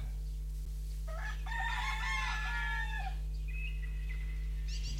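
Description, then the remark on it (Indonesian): A rooster crows once in a long, strained call lasting about two seconds, followed by a shorter tail-off over a steady low hum. “Suara pekik ayam jantan membangunkan.”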